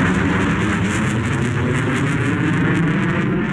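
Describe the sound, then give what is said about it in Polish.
An F-35 fighter jet engine roars loudly and steadily during the first F-35 landing at the 32nd Tactical Air Base in Łask, Poland, a dense, continuous rumble with a hissing upper edge that holds at the same level throughout, with no voices. “Zdjęcia z pierwszego lądowania F-35 w 32. bazie lotnictwa taktycznego w Łasku można już obejrzeć na naszej stronie”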